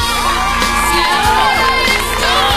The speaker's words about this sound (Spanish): Esto se merece un aplauso. Un aplauso para esta cancioncísima.